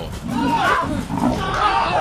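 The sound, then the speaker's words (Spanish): A leopard roars and growls in rough, rasping bursts that stay loud for about two seconds, with people's voices mixed in underneath, as Russian soldiers are at the leopard's mercy. “Soldados rusos quedaron a merced de un leopardo.”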